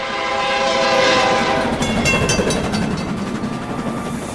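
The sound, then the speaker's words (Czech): A train thunders across a bridge at full speed, shaking it, a loud horn blaring at the start before giving way to the rapid clatter and roar of wheels on the rails, continuous throughout. “Najednou mostem zatřásl ohlušující řev. Plnou rychlostí se na ně valil vlak.”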